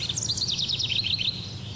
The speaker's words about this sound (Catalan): els rius baixen amb aigües pristines i unes temperatures més benignes que permeten assistir a un veritable festival d'estiu pel que fa al cant dels ocells. Ara obrim, per exemple, aquest micròfon que tenim allà al Pirineu. Mira, mira.